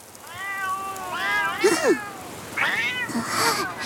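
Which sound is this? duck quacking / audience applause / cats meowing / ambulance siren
cats meowing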